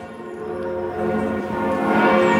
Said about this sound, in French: C'était peu avant 10h et dans la foulée, partout en France, les cloches des églises et ici de la cathédrale Notre-Dame se sont mises à sonner avec déjà beaucoup de monde autour.